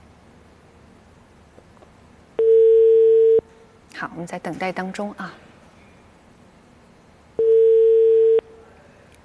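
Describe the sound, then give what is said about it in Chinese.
A telephone ringback tone, from a call placed live on air to the vice president of the Hua Xia Bank Jiangning branch, sounds in two steady, loud one-second bursts about five seconds apart, with a person speaking briefly in the gap between them. “我们也可以现场打一下啊，把电话接进直播间，我们现场打一下华夏银行江宁分行副行长的电话。”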